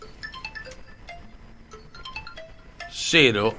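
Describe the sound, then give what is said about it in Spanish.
A mobile phone left behind in a radio studio rings with a quick melodic ringtone of short electronic beeps at varying pitches, fairly faint, before a loud voice cuts in at the end. “Bueno, se olvidaron el teléfono.”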